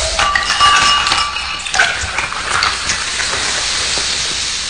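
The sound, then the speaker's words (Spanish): A bottle is cracked open with a sharp release, followed by a loud, steady fizzing hiss and faint glassy clinks, with no voices. The uncapping is sent as a greeting on the radio station Estéreo Super Latino. “Vamos a mandarte un destape.”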